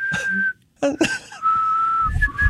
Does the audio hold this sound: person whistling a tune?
yes